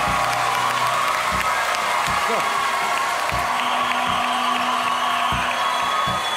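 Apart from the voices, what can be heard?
audience applause and cheering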